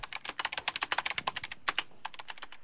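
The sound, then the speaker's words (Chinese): Rapid typing on a computer keyboard, a quick run of crisp clicks in an uneven rhythm with a brief pause near the end, no voices, while messaging a QQ listener group. “蹄子咬着嘴唇，噼里啪啦地敲着键盘。”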